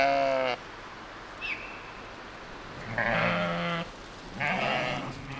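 Grey Pomeranian sheep bleating in Poseritz on Rügen, three separate wavering calls, the first cut off at the start, spaced a second or two apart over a steady outdoor hiss, with no one talking.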